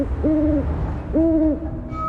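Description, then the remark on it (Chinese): Two drawn-out, wavering begging calls from a female great grey owl perched on a branch, each about a third of a second long and mid-pitched, repeated with a pause between them over a steady low rumble of wind. “树枝上的雌鸟不断发出乞食的声音。”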